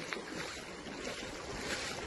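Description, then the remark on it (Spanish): Floodwater from the swollen Garandina stream (arroyo de la Garandina) rushes steadily through flooded streets, a dense, continuous roar and hiss of moving water that holds at an even loudness throughout, with no voices. “anoche al verse anegado alguna de las calles debido a la crecida del arroyo de la Garandina. Este era uno de los sonidos que hemos podido recoger esta mañana.”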